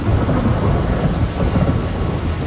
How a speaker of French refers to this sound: Alors, je m'étais rangée, j'étais embarquée sur une île pour attendre la fin de la pluie, de l'orage.